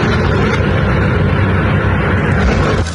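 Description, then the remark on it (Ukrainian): A loud, steady engine drone hums overhead from a drone flying during a night-time mass drone attack on Moscow, holding a constant buzzing roar for the whole stretch with no pauses and no voices. “Во-во-во, дрон-дрон.”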